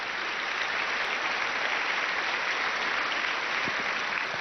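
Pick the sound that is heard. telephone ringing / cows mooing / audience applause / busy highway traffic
audience applause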